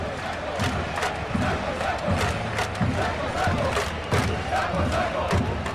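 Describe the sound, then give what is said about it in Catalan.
A large arena crowd at a basketball game applauds and cheers loudly and steadily, with rhythmic pulses of clapping and chanting rising through the dense roar for several seconds. “I el públic, que com si fos un júnior, comença a aplaudir a saco, Alex del Villarban.”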